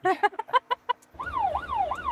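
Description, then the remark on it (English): An ambulance crew's job alarm goes off for a category 2 call in Sidmouth: a quick run of short, chirpy electronic pulses, then a loud wailing tone that sweeps up and down like a siren. “And the job alarm sounds.”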